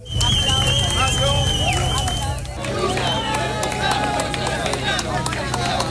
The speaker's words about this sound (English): Here's the moment he was carried out of the rubble on a stretcher as ambulance workers and reporters cheered for his freedom.